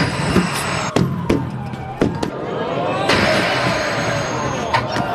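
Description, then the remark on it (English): At the European Tram Driver Championship in Warsaw, Poland, a tram rumbles past and knocks over giant bowling pins, giving several sharp, loud clattering impacts in quick succession. A high metallic wheel squeal and a busy, noisy background run throughout. “You may have tried 10-pin bowling before, but what about knocking over giant bowling pins with a tram?”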